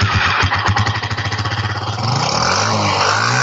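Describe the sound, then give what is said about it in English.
A motorcycle engine runs loud, its rapid pulsing idle throbbing steadily before the pitch shifts as it revs up slightly and holds a strong, continuous roar. “Moto bia na ne pass e ho.”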